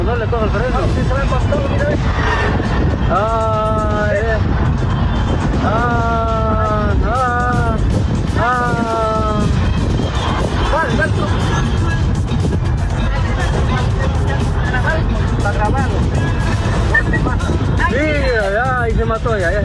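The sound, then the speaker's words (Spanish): A steady, loud rumble of a car speeding and skidding along a highway before it ends up overturned in an accident, heard from inside another moving vehicle whose driver recorded it, with wind buffeting throughout and voices talking excitedly over the road noise. “Todo el accidente, lamentablemente, fue grabado por otro conductor que vio que el carro iba derrapando en la carretera y finalmente terminó volcado.”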